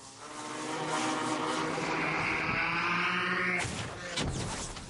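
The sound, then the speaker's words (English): A drone buzzes loudly and steadily overhead with a high, whining propeller drone, then the tone breaks off abruptly near the end and is followed by a brief rustling burst. “These days, however, they're also hunted by drones.”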